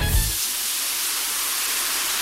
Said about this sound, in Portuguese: Pode até parecer barulho de chuva, mas se chama desperdício. Um chuveiro ligado gasta, em média, 12 litros de água por minuto. Por isso, na hora do banho, seja prudente.